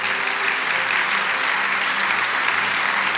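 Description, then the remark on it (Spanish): An audience in church applauds the Lord after a Bible passage, steadily, a dense wash of many hands clapping at an even, loud level for a few seconds with no voices rising above it. “Oh, ¿cuánto pueden darle un aplauso al Señor por ese tremendo pasaje de Dios?”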